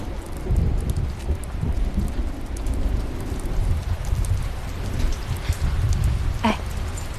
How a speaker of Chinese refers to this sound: 哦，你这什么地方啊？啊，四处漏雨的，这还能住人吗？